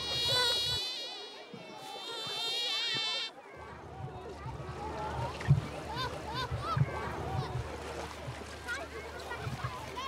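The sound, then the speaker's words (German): A loud, high-pitched mosquito whine hums steadily for about three seconds, then cuts off, leaving quieter watery splashes and outdoor background sounds by a lake. “Das für unser Ohr so lästige Surren ist für Mückenmännchen der reinste Wohlklang.”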